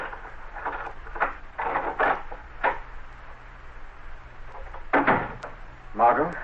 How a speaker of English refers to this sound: Now, shortly afterward, Margot Lane is unlocking the door to her apartment.